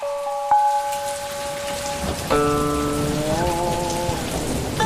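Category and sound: nature, heavy rain falling outside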